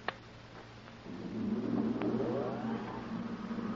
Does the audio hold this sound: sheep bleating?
no